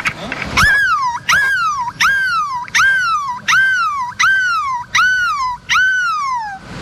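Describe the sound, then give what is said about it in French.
A person imitates a seagull's cry in the middle of the Place de la République in Lille, with a loud, rhythmic series of about eight shrill calls, each jumping up then sliding down in pitch, repeated with short gaps and no talking. “Pourrons-nous faire mieux que le cri de la mouette au milieu de la place de la République à Lille?”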